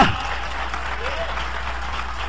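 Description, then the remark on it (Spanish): A crowd applauds steadily for God, a dense wash of many hands clapping at once, loud and sustained across the whole stretch, with a brief voice at the very start. “Si es para Dios, dale fuerte ese aplauso.”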